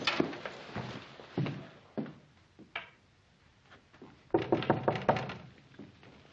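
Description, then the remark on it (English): Knocking on an unlocked wooden door: a quick flurry of raps, a few scattered knocks, then another firm burst of rapid knocks after a short pause, clear with no voices. “Who is it? It's Ben, Andy. Oh, come on in, Ben. The door's not locked.”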